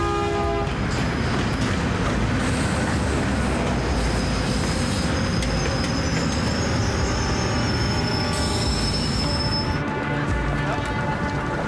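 A train rolls steadily on its rails in a loud, continuous rumble, with thin metallic wheel squeals ringing high above the roar throughout.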